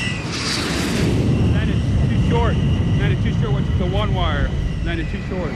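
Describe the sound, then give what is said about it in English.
An F-14 Tomcat jet fighter comes in to land on an aircraft carrier, about a quarter of a mile out, its engine a loud, steady roar throughout, while a clipped radio voice talks over the noise. “Tomcat, ball 8.0. Roger, ball 28 knots, down the angle.”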